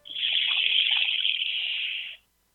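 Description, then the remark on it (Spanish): A handheld instrument bought from native people imitates flowing water with a steady, hissing trickle of tiny rattling particles that lasts about two seconds and then stops abruptly. No one speaks. “Me voy a dedicar a Lilia y voy a tratar, como Lilia es una gran ambientalista, a ver si le sueno el agua con un instrumento que compré en alguna parte a nativos.”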